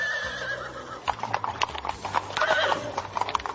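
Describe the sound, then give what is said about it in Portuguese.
Horses trot along a long road, setting off on a journey with carriages, with a steady run of hollow clip-clopping hooves, fairly loud, the beats repeating quickly over a faint background with no voices. “Pegou as suas carruagens, os seus cavalos e pôs-se logo a caminho para a terra onde morava a menininha, a terra de Canaã.”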